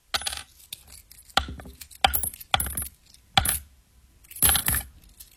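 Coins being counted: a series of bright metallic clinks and short jingles in uneven bursts, about six clusters with brief pauses between, moderately loud with no voices.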